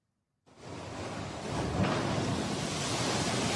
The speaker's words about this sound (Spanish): Las olas no dan tregua. Mira cómo el agua sobrepasa la barrera y golpea las estructuras que están a escasos metros del mar. Basta con ver eso para dimensionar el impacto del mar.